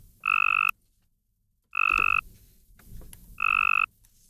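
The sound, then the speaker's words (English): The call of a weaker Cope's gray tree frog, used in a University of Tennessee study of female tree frogs, repeats three times: short, loud trilling bursts with a buzzy, pulsed quality, separated by brief pauses, with faint background noise between them and no voices. “The second, the call of a weaker,”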